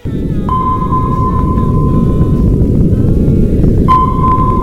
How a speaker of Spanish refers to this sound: Este sonido muchos lo identificamos, no porque lo hayamos escuchado en directo, sino por las películas y todo esto, como el sonido de un radar, de un sonar, ¿no?